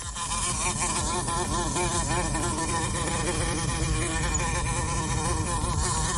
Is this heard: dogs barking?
no